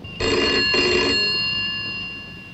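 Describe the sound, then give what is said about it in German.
A telephone bell rings in two quick, jangling bursts with a bright metallic tone, then its shimmering overtones linger and slowly fade. No one speaks. “Lass weiter läuten.”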